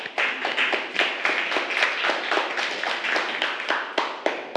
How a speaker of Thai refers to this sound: ปรบมือให้เพื่อนกลุ่ม5